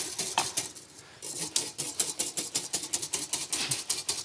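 A whisk beats rapidly against a bowl, whipping the mixture to work volume into it, making a steady, fast rhythm of bright metallic clicks and scrapes, with one brief pause early on before the whisking resumes. No one speaks.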